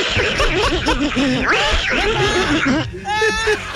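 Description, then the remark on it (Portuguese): A voice imitates the cartoon duck Donald Duck on a program, quacking and sputtering in rapid, nasal bursts, with snickering laughter mixed in and a brief higher squeaky stretch near the end. “Olha só, e o negócio é o seguinte, meu irmão, aqui no nosso programa, até o Pato Donald, até o Pato, o MC Donai, até o Pato Donald participa. Ô Pato Donald!”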